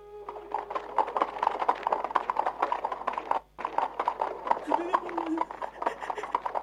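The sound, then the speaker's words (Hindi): A horse-drawn carriage (buggy) rushes by on a street, hooves clip-clopping in a fast, steady rhythm, loud, with wheels rattling and a murmur of voices from an onlooking crowd underneath. “बग्घी तेजी से निकल गई।”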